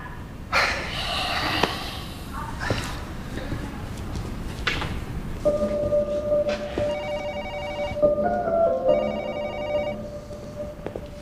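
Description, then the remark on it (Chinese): An electronic telephone ring, a call from the Yongnan police station, sounds in two clear repeated bursts, following earlier rustling and door-like knocks amid background noise. “刚永南派出所打来电话，他们接了一起命案，说的事情还挺蹊跷。”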